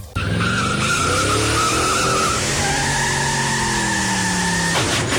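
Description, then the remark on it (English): A long, loud screech of car tires skidding as a car fails to brake fills the whole few seconds, a sustained wavering squeal with engine roar beneath, cutting off abruptly at the end. “If only he had brakes from the brake shop.”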